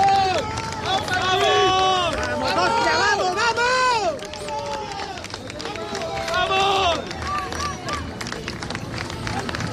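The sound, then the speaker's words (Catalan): About 150 Mallorca fans at Son Moix stadium cheer, shout and applaud as the team bus arrives, with many voices rising and falling over a steady patter of clapping. The noise stays loud throughout, dipping briefly before swelling again. “Aplaudiments, unanimitat, els aplaudiments a l'arribada de l'equip a l'estadi Samuel Mirona.”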